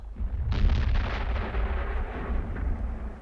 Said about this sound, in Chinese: 那应该是炮声。 炮声雷声对你来说都一样。